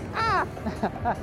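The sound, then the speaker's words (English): A person squawks in imitation of a seagull while high above the Old Bar Beach Festival: one drawn-out, wavering screech followed by two shorter, clipped calls, fairly loud, with no other sounds around them. “Yes, turning into a seagull, but I'm okay.”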